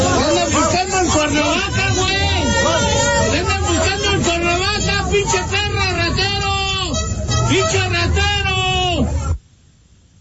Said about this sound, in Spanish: Él fue captado al salir del Estadio Azteca después de ver la inauguración de este torneo y el partido de México y Sudáfrica. Iba escoltado por la Guardia Nacional, pero con todo y su seguridad, pues la gente le gritó así, vamos a escuchar.